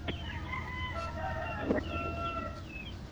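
A rooster crows with drawn-out, wavering calls carried over a steady low background hum, with no voices.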